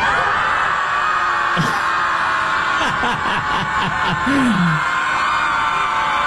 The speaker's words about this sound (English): I just walked past the Chicago Scream Club. They meet once a week to scream into the lake and relieve stress.